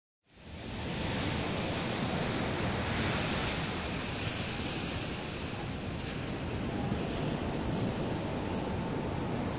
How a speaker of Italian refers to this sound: Che si vede in mare dal promontorio? Nulla! I flutti si impennano alti e fra il mare e il cielo non si vede una vela.